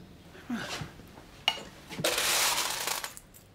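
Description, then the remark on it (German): Old Roman coins, moderately to poorly preserved mass-produced pieces, are handled with a few scattered metallic clinks, one sharp and bright, then a longer stretch of rattling and jingling as they shuffle together. No one speaks. “Römische Münzen. Mäßig bis gering erhalten. Massenware.”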